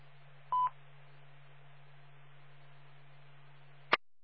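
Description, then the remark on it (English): A brief electronic beep, like a telephone keypad tone, sounds once as a radio tone check during an ARES radio net check-in by call sign, followed by a steady low hum and a single sharp click at the end. No one speaks. “Alpha, Echo, Zero, Romeo, Tango, Richard, Harvester, tone check.”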